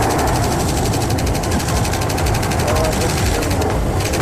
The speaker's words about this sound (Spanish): Así sonaba la voladura. Primero cayeron 2 torres, después las otras 2. En pie queda la chimenea, que forma parte de la identidad del municipio.